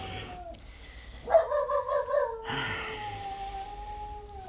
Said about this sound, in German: Dieses Hundevieh, das kläfft einen ja in Grund und Boden.